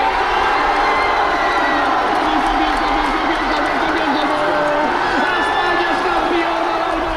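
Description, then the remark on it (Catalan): A big stadium crowd of football fans roars steadily, cheering and chanting together in a dense, loud wash of voices that carries without a break; fans in Barcelona cheering and chanting for players such as Cubarsí, Ferran and Messi after the match, past midnight. “La min, el seu germà petit, Cubarsí, Ferran o també Messi van ser els més aplaudits i corejats per una afició entregada que va marxar passada la mitjanit, alguns a casa, d'altres a seguir la celebració pels carrers de Barcelona”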